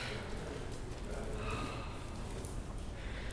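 Soft, light breathing of a woman relaxing as her forehead and temples are gently massaged, quiet and steady against a faint background hush in deep silence, with no talking.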